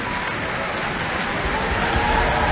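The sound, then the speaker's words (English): A large audience applauds after the Auckland Philharmonia, conducted by Pablo González, performs the first suite from Manuel de Falla's ballet The Three-Cornered Hat, a dense, steady crackle of many clapping hands that holds at an even, fairly loud level without a break. “That applause picking out Ingrid Hagen, who is playing bassoon and representing the pompous magistrate”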